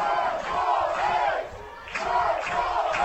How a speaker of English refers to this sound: This crowd is into this ball game.